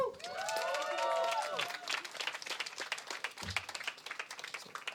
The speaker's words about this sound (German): Daher nochmal Applaus, bitte.